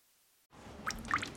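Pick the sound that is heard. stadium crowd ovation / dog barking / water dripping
water dripping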